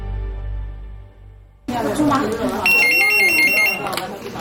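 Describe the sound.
A phone rings with a quick run of bright electronic pulses lasting about a second, set against a busy room full of murmuring voices and background noise.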